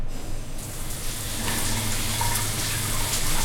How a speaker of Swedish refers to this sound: Men om du slår på en varm skön dusch, då händer följande.